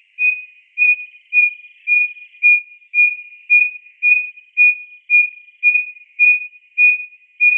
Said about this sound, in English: Instead of these beautiful, complex, warbly songs that most wren have, it also has a hoot song, we called it, and it starts off like a little owl, and it just gets louder and louder and louder.